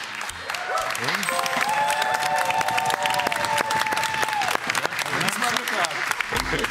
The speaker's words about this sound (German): Wann hast du von deiner eigenen Frau das letzte Mal so viel Applaus gekriegt?